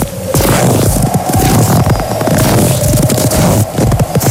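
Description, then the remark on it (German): Footsteps crunching through snow, each step a loud, gritty compression in a steady walking rhythm that continues throughout, with no voices. “Schritte im Schnee.”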